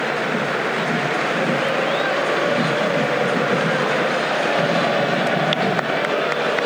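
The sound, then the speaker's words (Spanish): A stadium crowd at a Boca match against Recoleta applauds and cheers, with the upper stand rising, as Boca's goalscorer Casíbar is substituted for Ángel Romero. The clapping and shouting form a dense, unbroken wash that holds at a steady, loud level throughout. “A los aplausos, se levantan todos en la platea de arriba.”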